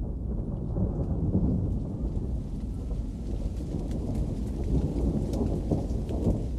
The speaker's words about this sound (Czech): U jedno od onih beskrajnih popodneva sklonili su se Iris i Nino na prvi zvuk grmljavine i taman prije kiše u kući.